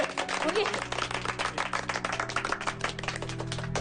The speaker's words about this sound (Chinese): 大家没有意见那就鼓掌通过。